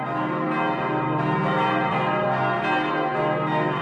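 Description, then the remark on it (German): Several church bells ring together in a full, continuous peal, their overlapping tones blending into a rich, sustained wash of sound with no speech. “Und unser Geläut eben zeichnet sich daraus aus, eben weil es einfach auch sehr singfreudig auch ist.”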